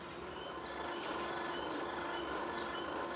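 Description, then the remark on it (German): A train rolls past with a steady mechanical rumble and clatter, and a brief high metallic squeal of wheels rises early on, in the Börde near Magdeburg, Germany. No one speaks. “Der Bahnhof ist auch nicht weit.”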